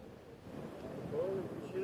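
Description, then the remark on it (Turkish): Strong seaside wind at Sarayburnu, Istanbul, on a sunny autumn day roars and buffets the microphone in a steady, gusty rush, with a brief voice-like tone rising faintly through the noise near the end. “Sarayburnu her zaman rüzgarlı ama bugün de ayrı bir rüzgarı var.”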